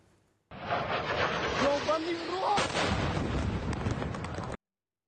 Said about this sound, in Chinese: 俄罗斯网友拍摄到乌克兰无人机向切博克萨雷市急速俯冲，引发猛烈爆炸。据报，当地的国防企业、校舍、购物中心以及多栋居民楼都遭到袭击。